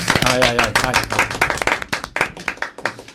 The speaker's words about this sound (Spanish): Vamos a aplaudir.